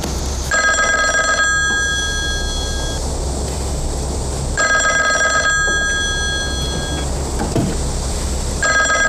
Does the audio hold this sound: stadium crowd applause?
no